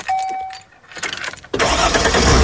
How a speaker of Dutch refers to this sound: Misschien start jij binnenkort wel de motor. Van die mobile home, die motorhome.